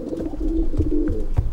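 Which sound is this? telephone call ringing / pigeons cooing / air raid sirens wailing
pigeons cooing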